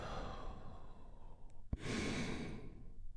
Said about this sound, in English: We start with one big, deep healing breath. All together, here we go, and release.